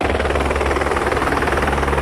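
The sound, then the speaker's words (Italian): A helicopter's rotor thumps in a fast, steady rhythm over a loud engine roar, continuous, with no voices; the helicopter ferries a boy between Arvigo, in the Calanca valley, and secondary school in Roveredo. “Appena sceso dall'elicottero”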